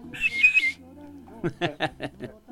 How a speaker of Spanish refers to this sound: Y el chiflidito.